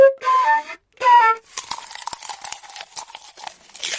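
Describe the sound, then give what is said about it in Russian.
A flute is blown clumsily by someone trying to play it for the first time: two breathy, wavering notes that slide in pitch and break off, followed by a stretch of scratchy, crunching noise. “Кто это инструмент мучает? Ужас какой.”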